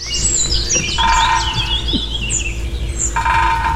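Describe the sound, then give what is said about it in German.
Two rapid, ringing bursts of a woodpecker drumming loudly against house facades and gutters in a village in spring, in the morning between about 6:30 and 9, as courtship behaviour, a couple of seconds apart, while other birds chirp and twitter continuously in the background. “So bis 9 und dann hämmert der lautstark gegen Hausfassaden oder gegen Dachrinnen immer wieder.”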